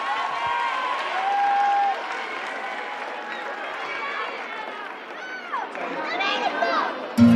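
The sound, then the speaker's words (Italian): A crowd applauds steadily for several seconds, a dense wash of clapping mixed with cheers and shouting voices, with a brief high whistle early on and a burst of louder cheering at the end. “Fate un applauso”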